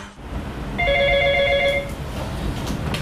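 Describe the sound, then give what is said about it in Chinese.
A telephone rings once, a steady electronic trill lasting about a second, clear over a low background rumble, in a small power-grid automation operations and maintenance room with humming machines. “喂，你好，银子电话。”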